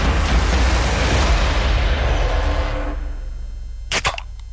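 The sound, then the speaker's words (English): A soft drink can being opened: a loud fizzing hiss that slowly dies away, then a couple of sharp metallic clicks near the end. “Can number two”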